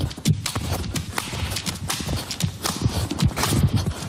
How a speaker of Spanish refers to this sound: partiendo nueces con el culo? Pues así.